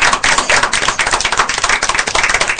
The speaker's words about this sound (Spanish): Porque hoy tenemos visitas especiales de un jardincito. Y le vamos a pedir a todos un fuerte aplauso, porque llegaron.